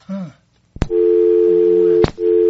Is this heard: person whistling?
no